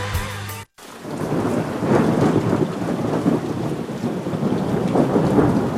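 After a short tonal snippet and a brief silence, heavy rain pours steadily, with deep rolling thunder rumbling loudly beneath it throughout the storm.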